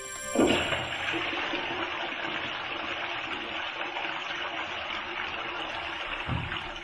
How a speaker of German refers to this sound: Ja, für Titel, die nicht sendefähig sind, gibt es die Klospülung. Extra hier aus dem Funkhaus.